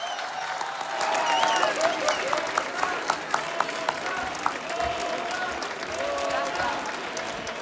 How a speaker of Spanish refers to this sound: Otro fortísimo aplauso para la Patri, por favor